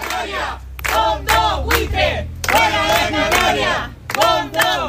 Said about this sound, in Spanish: Así, entre gritos de los vecinos, se ha llevado a cabo este desahucio de una vivienda de protección oficial, ahora en manos de un fondo de inversión.